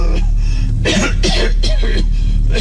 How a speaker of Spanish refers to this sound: Un repentino ataque de tos lo afectó. Pobre viejo.